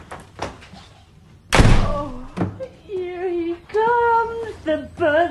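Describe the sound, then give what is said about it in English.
A door is kicked shut with a single loud, heavy slam, preceded by a few faint knocks and followed by voices talking; Harry's cousin kicks shut the door of Harry's cupboard under the staircase. “As Harry opens the door, his cousin pushes him back inside, kicks the door shut, and runs into another room.”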